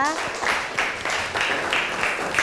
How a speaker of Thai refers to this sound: ขอเสียงปรบมือให้กับเพื่อนของเราด้วยนั่นเองนะคะ